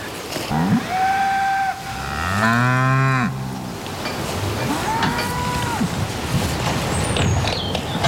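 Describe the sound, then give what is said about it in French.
Several cows moo one after another, long drawn-out lowing calls, one especially loud around the middle, over a steady rumbling background. “Ces animaux tendres et pacifiques souffrent d'un discrédit dont témoigne le langage. Peau de vache, grosse vache, vacherie.”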